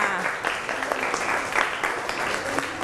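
A class of children claps for a classmate who correctly identified sunflower sprouts: a steady, uneven patter of many overlapping hand claps, fairly loud and continuous for the whole few seconds, with faint voices mixed underneath.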